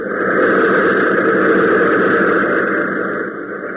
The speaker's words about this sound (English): Even as Hop shouts frantically, the pounding roar of the motors increases.